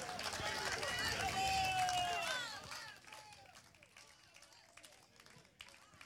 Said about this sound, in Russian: Провожаем наших артистов оглушительными аплодисментами, дорогие друзья.